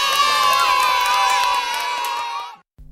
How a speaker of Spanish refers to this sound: ¡Genial! Y ahora el aplauso más grande de todos, para ti.